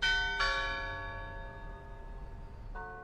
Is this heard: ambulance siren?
no